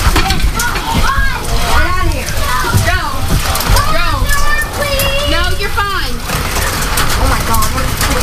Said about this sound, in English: Dime-sized hail, too. Wow. Yes. It is dime-sized. I have two pieces of dime-sized in my hand.